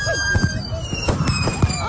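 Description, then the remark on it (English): Fireworks that were not properly secured go off chaotically: several sharp bangs and crackling bursts in quick succession, with high whistling rockets streaking overhead, loud. “See, the thing is, though, people didn't secure the fireworks.”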